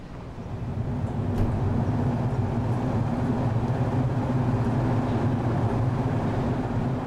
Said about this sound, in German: Dann, kurz bevor der Zug losfährt, eine Überraschung.